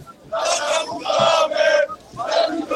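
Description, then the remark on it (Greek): A large crowd of thousands of Aris football fans, gathered at Macedonia airport as a car moves through them, chants loudly in rhythmic bursts, their massed voices rising and falling in three sustained surges with brief dips between them. “Μέσα από τις χιλιάδες οπαδούς του Άρη.”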